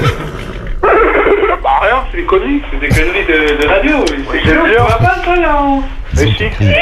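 A donkey brays repeatedly in loud, sliding, wheezy honks that rise and fall, sounding thin and band-limited as if coming over a telephone line, with no other voices.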